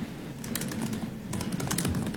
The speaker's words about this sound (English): Somebody's typing really loud, too. I don't know who that is. I'm looking around at the grainy video trying to see whose fingers are moving.